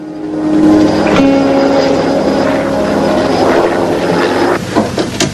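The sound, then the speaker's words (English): The steady, loud droning of a helicopter engine with a low rotor hum, holding constant throughout as it flies over a loch with mountains towering into fog and cloud, with no voices. “the helicopter soars over a picturesque loch, with mountains on one side towering into the fog and cloud above.”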